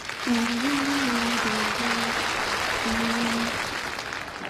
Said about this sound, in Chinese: 鞠躬，观众鼓掌了，亮相，拿起坛子，拍拍，扔起来了， 顶 顶上了，这观众又鼓掌呢。